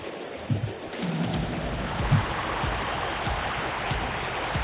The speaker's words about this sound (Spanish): La gente que sigue llegando a la Bombonera para alentar al Xeneize esta noche, con amenaza de agua, con amenaza de lluvia.